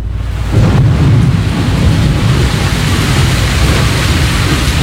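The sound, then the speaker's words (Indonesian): A loud, steady roar of a storm with heavy rain hissing and deep rumbling underneath, swelling up suddenly after a quieter first half-second and then holding constant, with no voices. “Hingga suatu hari, terjadi hujan badai muncul secara tiba-tiba.”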